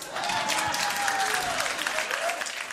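A concert audience applauds at the end of a song on a live album recording, after a brief silence: a dense wash of clapping at constant loudness, with a long whistle sliding through the middle of it.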